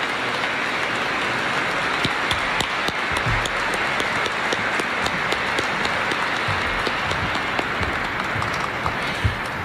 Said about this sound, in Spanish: La familia le va a hacer un pequeño reconocimiento para agradecerle. Le damos un fuerte aplauso y damos gracias al Señor.